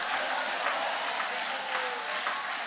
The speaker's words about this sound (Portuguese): Levanta a mão e vai aplaudindo. Ariemayasteime haikemalama. Vai cair, vai cair, vai cair. Vai aplaudindo, porque já está caindo. Já está caindo. Já está caindo.